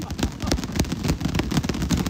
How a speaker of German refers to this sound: Ach genau, das gibt bestimmt ein schönes Geräusch. Klatscht mal mit den Boxhandschuhen, damit ihr